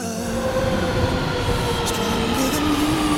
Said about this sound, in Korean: 저 열차 여기서 멈춥니다